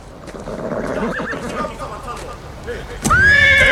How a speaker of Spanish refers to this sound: ¡Dejen el caballo! ¡Quieto!